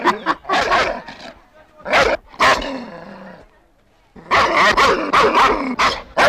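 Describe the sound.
A dog barks loudly in rapid clusters while being urged to bite someone. A drawn-out yelp trails off before a short quiet pause, then a fresh flurry of barks follows, with voices mixed in.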